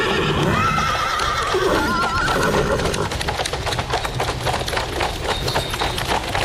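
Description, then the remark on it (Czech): A carriage drawn by jet-black horses passes at the edge of a mountain pass under dark storm clouds, horses whinnying loudly over a steady, rapid clatter of hooves and rolling wheels. “Předjela nás najednou brička tažená antracitově černými koňmi.”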